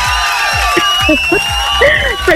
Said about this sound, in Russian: Эти аплодисменты тоже для тебя.